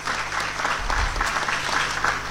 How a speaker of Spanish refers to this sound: Muchísimas gracias y pido un fuerte saludo, un aplauso muy fuerte para él, por favor.